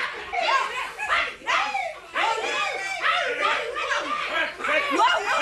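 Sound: children shouting and screaming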